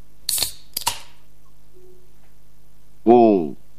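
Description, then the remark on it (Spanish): A beer can is cracked open: a sharp click with a short fizzy hiss, a second quick snap, then a pause before a brief voice. “Un descorche de una lata de birra.”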